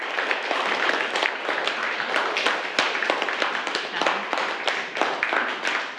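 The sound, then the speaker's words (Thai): A group of students claps steadily together to show thanks for an educational video, a dense, continuous patter of many hands with a few sharper individual claps standing out, lasting the whole stretch at a fairly loud level. “ขอบคุณสื่อวินิทัศน์ดีๆนะคะปรบมือให้แสดงการขอบคุณด้วยค่ะลูก”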